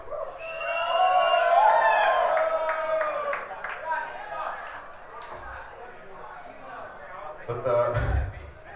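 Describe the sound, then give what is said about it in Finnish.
A crowd of about 150 audience members at a performance shouts together in a loud, ragged burst, singing along at the performer's request. It swells over the first few seconds, then thins into scattered calls, a few sharp claps and a low thump near the end. “Sanotaanko, että aika perseistä on jo tuo huuto, niin mä en usko, että se onnistuu.”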